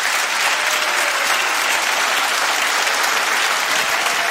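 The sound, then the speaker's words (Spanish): A church audience applauds steadily, a dense wash of many hands clapping at once that holds a constant, fairly loud level throughout with no one speaking over it. “Ya, si vas a aplaudir, dale.”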